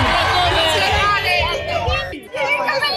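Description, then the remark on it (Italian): A crowd of Formula 1 fans at Monza cheers and shouts for Mercedes driver Kimi Antonelli in a loud, continuous roar of overlapping voices with high whoops, dipping briefly near the end before swelling again. “Un applauso a Kimi Antonelli!”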